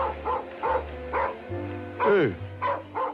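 A black dog at a football stadium during a free kick barks repeatedly in a steady series of about half a dozen short barks, one rising into a yelping whine, over a low constant hum.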